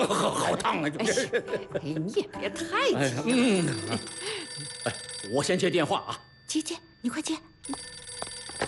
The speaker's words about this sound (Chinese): 我先接电话啊。 接接，你快接。